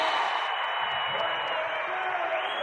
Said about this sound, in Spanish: invitamos al creador de esta canción, a …. ¡Un aplauso grande!